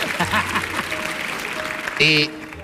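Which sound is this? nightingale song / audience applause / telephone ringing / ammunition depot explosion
audience applause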